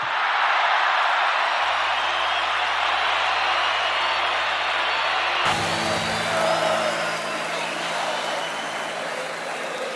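A crowd applauds and cheers in a dense, steady roar of clapping that holds for the whole stretch, with a low hum entering partway through as the noise carries on.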